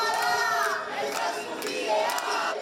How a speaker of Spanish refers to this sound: Con gritos de "no toleramos ningún desahucio más", han tratado de evitar el desalojo de Esther